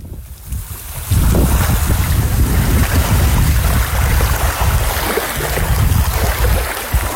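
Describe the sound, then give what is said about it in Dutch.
Sea water of Guantanamo Bay, Cuba, washes and laps steadily just outside the fence of the American naval base, mixed with gusty wind rumble. The sound swells after a quiet first second and stays fairly loud and continuous, with no voices. “Het zeewater dat je hoort is het water van Guantanamo Bay.”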